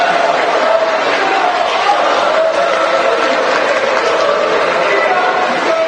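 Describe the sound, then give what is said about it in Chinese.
A large crowd of wedding guests claps and cheers as the groom is invited to kiss the bride, a loud, steady wash of noise that holds for several seconds without a break, with indistinct voices mixed into the din. “好了，现在我们进入下一个环节，新郎可以亲吻新娘了，来，掌声祝福他们。”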